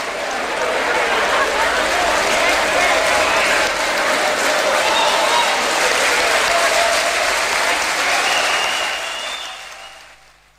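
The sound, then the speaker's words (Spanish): Sustained audience applause, a dense steady wash of many hands clapping at a loud, even level for about nine seconds before fading out at the end. “Gracias por ese aplauso, no sean tímidos.”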